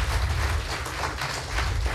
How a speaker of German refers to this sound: So, wenn ich jetzt diesen Applaus einordnen müsste, würde ich ihn zwischen 7 und 8 Punkten irgendwo vermuten.